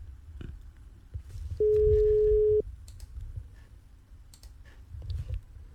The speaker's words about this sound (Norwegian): Det ringer i hvert fall. Nei, det er tre ring de får holde. Da vil vi ikke ringe mer.